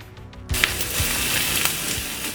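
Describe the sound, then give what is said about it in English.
Food sizzles steadily on a hot grill, a bright, crackling hiss that starts abruptly after a brief quiet moment and continues with scattered pops and spits, fairly loud. “We might not be hearing the sizzle of the grill as much as we're used to this summer.”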